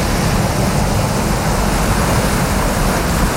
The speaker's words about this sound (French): vous entendez la plage, la mer, les vagues, on va où ? Madagascar.